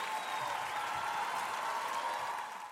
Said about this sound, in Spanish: Gracias. Un aplauso para ese Venezuela maravilloso.